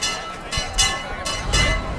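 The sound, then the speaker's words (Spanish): Church bells of the Casa Hermandad de Huelva bell tower on calle Camarista ring over and over, a series of bright, clanging strikes roughly every quarter to half second, their metallic overtones sustaining between hits over a busy background rumble. “Ahí lo que suena es el campanil de la Casa Hermandad de Huelva, que sí, una y otra vez está haciendo tañer sus campanas.”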